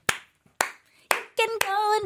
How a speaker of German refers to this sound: Mach nochmal, wie klatscht du?